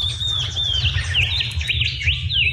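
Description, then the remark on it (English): A shining bronze cuckoo calls with a series of high, thin, rising whistled notes repeated in quick succession, over a steady low rumble of background noise. “Yeah, I think it might be a shining bomb's cuckoo.”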